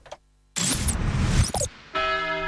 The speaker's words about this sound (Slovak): Niekde ďaleko zvonia zvony. Malý kostolík. Chudobná dedina.